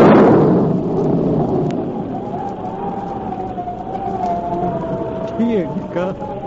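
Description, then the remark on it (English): A loud, deep roll of thunder from an approaching storm opens and slowly fades into a steady, hissing background of rain-like noise, with a faint wavering tone drifting through. “Could that possibly be thunder? Sure sounds like a storm coming up”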